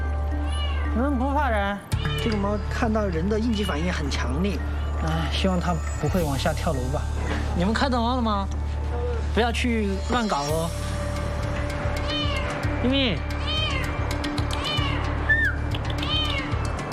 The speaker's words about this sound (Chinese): 能不怕人？这个猫看到人的应激反应很强烈，哎，希望它不会往下跳楼吧。